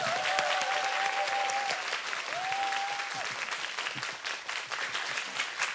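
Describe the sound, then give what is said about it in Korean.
A crowd applauds a group of musicians, including a violinist and a cellist, steadily for the whole stretch, a dense, continuous patter of many hands, with two brief sustained tones, like whistles or cheers, rising over it near the start. “다시 한번 큰 박수.”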